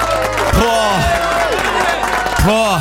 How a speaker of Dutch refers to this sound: Maar even een applaus voor alle moeders, man.